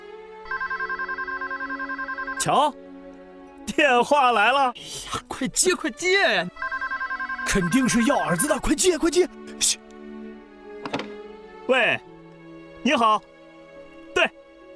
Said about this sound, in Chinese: 瞧，电话来了。 哎呀，快接！ 肯定是要儿子的，快接！